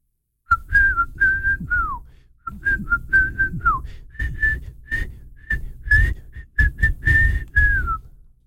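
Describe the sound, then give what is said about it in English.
A person whistles a catchy pop melody, a string of short, clear notes with a few sliding dips, played in quick phrases with brief pauses between them. “See if you can guess this song. Okay, yeah, guess the whistle.”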